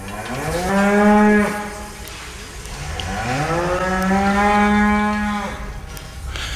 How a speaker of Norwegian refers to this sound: Ja, dette lyder av lykkelige kyr som skal på beite. Disse vi hører her, de står fortsatt inne I låven, men akkurat nå vi ute på beite her.